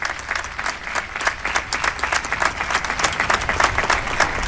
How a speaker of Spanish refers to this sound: Aplauso tras este anuncio del señor obispo de este tiempo jubilar con motivo del traslado de Nuestra Señora.